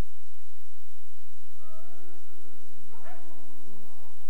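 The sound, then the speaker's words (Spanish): Dogs howl in long, wavering tones that overlap one another, with a sharp bark cutting in near the end. No one speaks. “Cuando lloran los perros en la madrugada, por ahí andan mis sueños buscando tu alma.”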